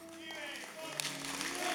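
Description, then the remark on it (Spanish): Steady, fairly soft applause from some of the crowd during a sermon, a dense patter of clapping that carries on throughout, with a sustained tonal voice or music layered over it. “Mire, eso es tan bíblico como el aplauso que algunos están dando.”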